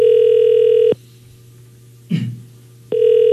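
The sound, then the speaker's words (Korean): An outgoing phone call's ringback tone as Far East Broadcasting radio calls a listener: a steady electronic buzz stops, a short muffled bump sounds during the quiet gap, then the tone starts again, fairly loud, with no talking. “자, 이제 신호가 갑니다.”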